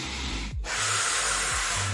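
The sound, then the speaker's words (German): Someone inhales helium from a balloon: a loud, steady rush of hissing gas, broken by one brief pause, with a low rubbery whine underneath. No one speaks. “Nicht nur die an der Decke fliegenden Ballons zum Geburtstag, sondern auch, wie man klingt, ne, wenn man das Zeug einatmet.”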